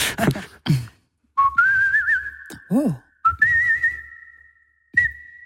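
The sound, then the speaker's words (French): A person whistles a French song melody in a few sustained, wavering phrases, fairly loud, with brief pauses and a couple of short vocal sounds between them. “Je vais vous la faire tout simplement en sifflant.”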